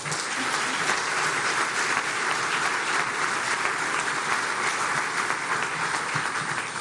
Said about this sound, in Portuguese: Para isso, peço uma grande salva de palmas para esta parceria histórica.